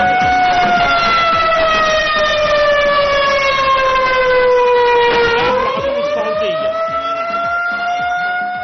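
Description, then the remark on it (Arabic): A loud air raid warning siren in Riyadh, Saudi Arabia, warning of danger, wails steadily, its pitch sliding slowly downward, dipping near the low point, then climbing back up in a long sustained rise. No voices are heard. “إعلام العدو السعودي إطلاق إنذار في الرياض للتحذير من خطر عاجل عاجل.”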